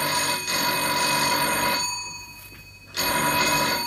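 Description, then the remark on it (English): An old-fashioned telephone bell rings loudly, a long jangling burst that pauses for about a second before starting again. No one speaks. “Let it stop and ring again.”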